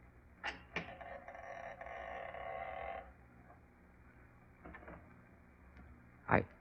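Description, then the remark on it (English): The front door of a late diplomat's house: the latch clicks and the door creaks open for a couple of seconds, followed by a few soft footsteps as a tall, thin man steps in, and a sharper knock near the end. No one speaks. “I can see the front door. Someone stepped in.”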